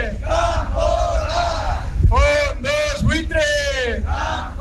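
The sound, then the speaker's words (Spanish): A protest crowd chants in the Plaza de Merindades in Navarra against a central government decree on eviction protection, many voices shouting together in loud, rhythmic bursts with strong harmonic yelling over a constant low rumble of the gathered crowd. “Así sonaba la Plaza de Merindades, que protestaba contra el decreto firmado por parte del Gobierno central que amplía hasta 2030 la protección contra los desahucios para hogares vulnerables, pero dicen que ese escudo no es suficiente.”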